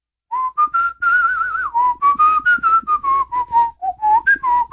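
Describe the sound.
A bouncy theme tune is whistled alone, with clear short notes rising and falling in a mid-to-high pitch. The phrases are quick and rhythmic, with a brief pause near the end.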